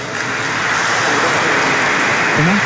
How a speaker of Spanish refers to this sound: Acá hay un señor que nos dona otra banca. Un aplauso para él.